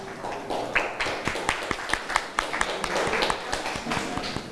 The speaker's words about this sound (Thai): โดยคุณครูจะให้ตัวแทนของกลุ่มที่1ออกมาก่อนนะคะนักเรียนค่ะขอเสียงปรบมือให้กับตัวแทนกลุ่มที่1หน่อยค่ะปรบมือให้เพื่อนหน่อยค่ะ